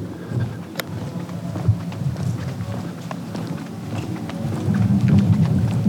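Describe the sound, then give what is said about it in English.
Steady rain pattering down through trees, a continuous hiss dotted with sharper drips, over a low rumbling background that swells slightly toward the end. “You can hear the rain in the trees coming down.”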